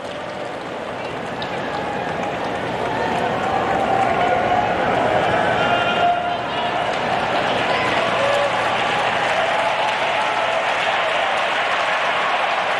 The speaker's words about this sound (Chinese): 现场观众也都在给汤森德加油，毕竟是主场作战，大家似乎也感觉到在这一阶段啊，汤森德稍微有点下风了。